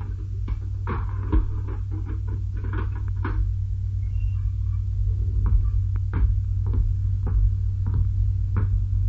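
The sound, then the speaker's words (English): A heavy prison cell door is unlocked and opened with a run of sharp metallic clanks and rattles, scattered irregularly over a steady low hum, with no voices. “Open the door of the cell.”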